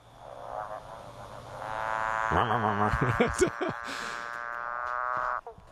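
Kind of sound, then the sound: animal, male frog mating call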